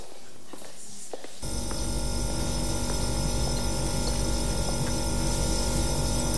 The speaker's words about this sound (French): Le long des murs, des frigos s'auto-nettoient.